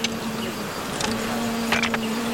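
A dense, steady buzz of many wild bees swarming at a large wild bee nest, loud and continuous throughout, with a low droning hum underneath and brief sharper whines as individual bees pass.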